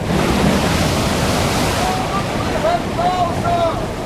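Heavy storm waves surge and crash over a sailing ship in a steady, loud roar, with gusting wind and faint whistling, creaking tones rising near the end; no one speaks.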